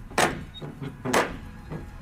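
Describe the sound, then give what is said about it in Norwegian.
A large, old brown metal ring door knocker strikes a heavy wooden door twice, each heavy, ringing clack followed by a softer secondary rap, with a brief pause between the pairs. “Sånn skikkelig sånn gammel ring, sånn i metall som du kan slå med.”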